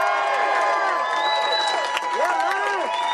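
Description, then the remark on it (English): A large crowd applauds and cheers steadily to welcome seven-time Tour de France winner Lance Armstrong, with shouted whoops and rising-and-falling yells over a dense bed of clapping, loud throughout. “Can I just give one more round of applause for 1,600 miles of bike paths?”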